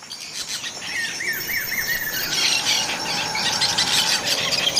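Parrots squawk and squeal in a busy chorus, with a quick run of rising, chirping calls early on over a steady wash of high, hissing insect-like noise. No one speaks.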